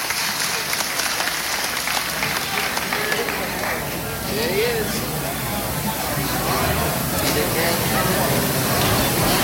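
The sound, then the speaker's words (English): A crowd applauds steadily for several seconds in thanks for the cement and shade put in at the building, dense clapping forming a continuous wash of sound with faint murmuring voices mixed in, consistently loud throughout. “How about giving Jake a big round of applause for putting all that cement and that nice shade out there for you in that big old building there?”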